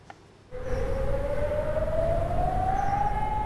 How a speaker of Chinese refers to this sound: 在立陶宛接壤白俄罗斯的伊格纳利纳，当局发现有2架无人机入侵领空，于是拉响防空警报，警告居民要马上进入室内躲避。